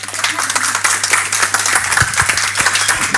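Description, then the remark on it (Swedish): An audience applauds steadily, many hands clapping in a dense, continuous patter with bright sharp transients and a faint low hum underneath throughout. “Jag tycker det är en stor applåd.”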